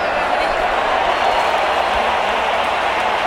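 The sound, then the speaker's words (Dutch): A large stadium crowd of football fans at a World Cup match, with Mexico in the lead, roars steadily, a dense wall of cheering and singing voices that stays loud and unbroken throughout. “Je hoort het, de liederen die gaan door.”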